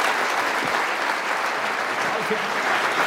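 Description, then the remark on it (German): Steady, dense applause from an audience for Florian Schröder, a continuous wash of clapping that holds at an even, fairly loud level for the full few seconds, with faint voices mixed underneath. “Vielen Dank, Florian Schröder, großen Applaus.”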